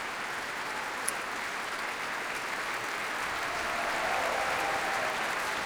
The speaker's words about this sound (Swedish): Ja, jubel för träblåsarna här också. Och som sagt, stående ovationer i Berwaldhallen.